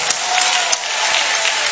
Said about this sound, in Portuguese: Isto, com muita alegria, vamos aplaudir ao Senhor.